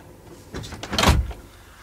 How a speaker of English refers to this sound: Well, what I have to say is confidential. Do you mind if I close the door?